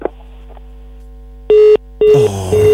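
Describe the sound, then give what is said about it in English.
Loud telephone busy tone after a call on the phone line hangs up: a short steady beep, a pause, then a longer stretch of the same tone, with no one speaking. “Because this one, the call has hung.”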